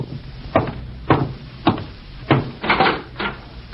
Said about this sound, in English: And I'm getting cleaned up before going out to meet my FBI contact, when I'm interrupted by a knock at the door. I'll be with you in a second.